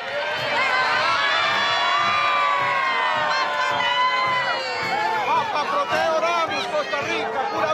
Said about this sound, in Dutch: En u hoort de aanwezigen, de paus groeten al roepend. We hoorden iemand zeggen, Papa Leone, kom naar Costa Rica.